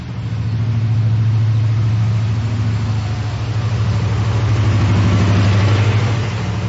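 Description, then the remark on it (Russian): A new blue bus's engine rumbles steadily as it pulls up at a bus stop, a deep idling drone that swells slightly as it runs. No voices. “Подъехал новенький синий автобус.”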